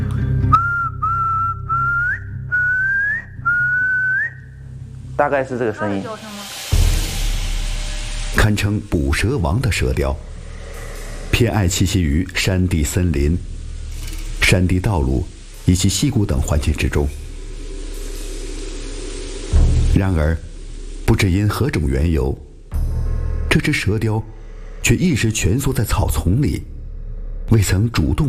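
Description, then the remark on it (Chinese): Someone whistles an imitation of a crested serpent eagle call: about five short, clear, high notes, each sliding upward, in a steady series, followed by people talking over background noise. “它的叫声声音很响的。”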